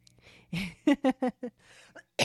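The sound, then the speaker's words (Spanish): A rapid string of about five short coughs, each a brief harsh burst, preceded by a longer rough throat sound and followed by one more sharp cough after a short pause. “Ay, ay, ay, esta tos me da. Hasta la tos me da.”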